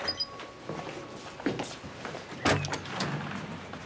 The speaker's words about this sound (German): mach die Tür auf.